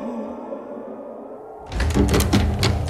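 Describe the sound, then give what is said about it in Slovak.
After a low, steady droning hum, someone wanting to enter a town in the cold starts banging hard on the heavy town gate: a quick series of loud thuds and knocks in an uneven rhythm. “Prečo búcháš, človeče potulný?”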